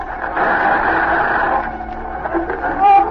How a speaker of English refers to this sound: There's the interference again. Cut off the radio.